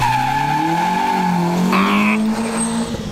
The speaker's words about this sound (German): Morgen und übermorgen laufen doch die deutschen Meisterschaften im Rallycross in der Motorsportarena Oschersleben. Das klingt dann so.